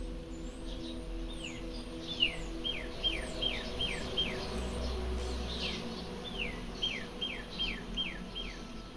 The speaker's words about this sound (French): Et en même temps, j'entends aussi des oiseaux.